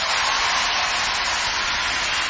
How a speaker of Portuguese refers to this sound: Então eu vou chamar a palco, com um enorme aplauso da vossa parte, essa mesma velhota, César Mourão.